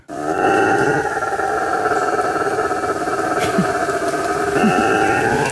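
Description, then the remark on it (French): A howler monkey roars in a deep, sustained, rumbling drone, loud and continuous for several seconds with harmonic bands and a slight swell near the end. “Bah lui, il est très reconnaissable, c'est le singe hurleur.”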